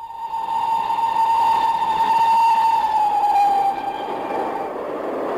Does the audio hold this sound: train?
yes